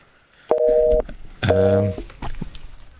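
Two identical electronic beeps from a phone line, each about half a second long with a short pause between, the repeating tone heard after a call is hung up, clear and fairly loud.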